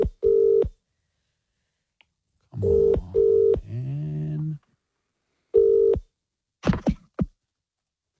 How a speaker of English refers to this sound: Lucky listener. Everybody look at your phones now. We are calling one of you.